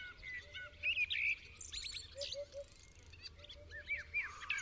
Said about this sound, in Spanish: Ya hace semanas que, tras el letargo invernal, las aves sedentarias empezaron a aclarar la voz. Escuchamos al primer mirlo en un arbusto